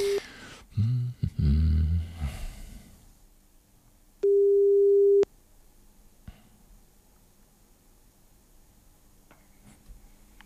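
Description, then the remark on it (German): A telephone ringback tone of an outgoing call from radio station 98.2 Radio Paradiso to a listener sounds twice, steady one-second beeps roughly four seconds apart, with a short burst of clattering noise between them and quiet line hiss afterward. “wenn Sie sich angemeldet haben und jetzt hoffentlich hier ans Telefon gehen auf ihrem 98.2 Radio Paradiso.”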